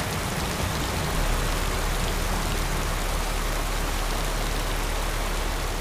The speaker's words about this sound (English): The rain doesn't stop. The water begins to rise fast.